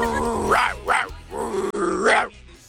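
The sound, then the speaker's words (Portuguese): A person imitates a dog barking with three throaty, rising bark-like yelps in quick succession, fairly loud, ending in a growly tone. “É, no caso aí é uma cachorra louca, né?”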